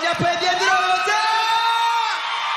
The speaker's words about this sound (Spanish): Un aplauso